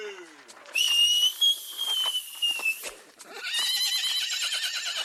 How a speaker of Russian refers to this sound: Унтер взмахнул кнутом и как-то особенно присвистнул. Лошади разом хватили, так что Егор Парменов отлетел в сторону и едва устоял на ногах.